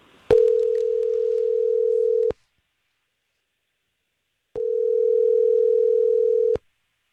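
Two long, steady ringback tones as a Star 101.3 radio show places a phone call, each lasting about two seconds with a pause between, clear and loud with no one speaking.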